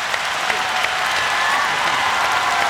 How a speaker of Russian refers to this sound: Подарите маэстро самые горячие аплодисменты!